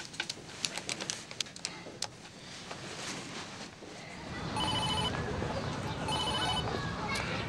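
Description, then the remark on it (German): A few quick clicks and taps, then two electronic ring tones of an outgoing phone call sound through the earpiece, evenly spaced over a steady hiss. “Ich muss sie mal anrufen. Gib's mir. Ich will sie nur anrufen. Gib mir bitte das Telefon, ja?”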